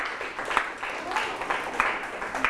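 A burst of applause from a classroom group clapping for a classmate, with many overlapping hand claps in a dense, uneven patter at moderate loudness, carrying on steadily with no voices on top.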